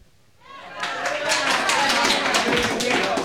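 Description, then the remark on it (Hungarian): A crowd gathered for a strike bursts into enthusiastic clapping, quickly swelling from quiet into a dense, steady patter of many hands that stays loud throughout, with a faint murmur of voices underneath. “Az emberek fegyelmezettek voltak, és időnként lelkesen tapsoltak.”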